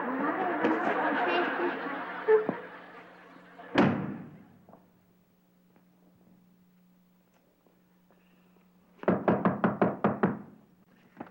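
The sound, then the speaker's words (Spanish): A single sharp, heavy thud of a brick striking someone's head lands right after a burst of voices, followed by quiet, then a quick run of about nine loud knocks. “Te pego con este ladrillo.”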